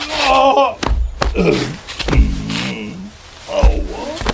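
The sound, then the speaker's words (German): Someone slips and falls on black ice that formed overnight: strained yelps and groans mixed with several heavy thumps and scuffs spread over a few seconds, loud. “Nein, jetzt bist du auch hingefallen.”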